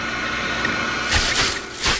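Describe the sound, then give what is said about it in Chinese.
A discarded plastic bag rustling, in two short crinkly bursts after a quiet stretch of faint background hiss, with no one speaking. “到处乱扔的塑料袋儿”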